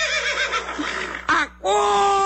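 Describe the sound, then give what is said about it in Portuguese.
A horse whinnies loudly, a shaky, wavering neigh that breaks off briefly before a final steady, drawn-out note. “Acorda, cavalo!”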